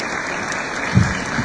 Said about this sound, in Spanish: así que muchísimas gracias, un fuerte aplauso.